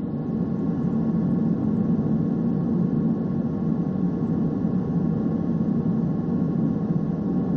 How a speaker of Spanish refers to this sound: Aparentemente todo está tranquilo. Solo se oye el leve zumbido del motor de la nave.